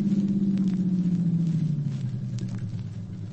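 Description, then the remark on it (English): A Buick convertible carrying two men comes up and pulls in on Gough Street, a short block of apartment houses. Its engine rumbles steadily, the low drone sinking in pitch and easing slightly in volume as it slows to a stop. No voices. “There's a car coming up now.”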